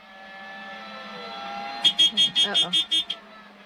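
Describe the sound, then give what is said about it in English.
A news helicopter's cockpit warning alarm buzzes in seven quick, evenly spaced pulses, loud, over a steady low engine drone that runs through the whole recording. “We're on board the helicopter right now. Some type of alarm.”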